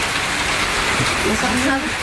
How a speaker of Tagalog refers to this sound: Malakas pa yung ulan, no?